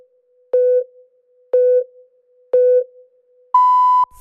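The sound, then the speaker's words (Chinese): Radio hourly time signal marking 13:00 Beijing time on Jiangsu Classic Pop Music Radio, FM 97.5: three short, evenly spaced lower beeps one second apart, then a single longer, higher-pitched beep marking the hour, loud and clean with no talking. “现在时刻，北京时间13点整。”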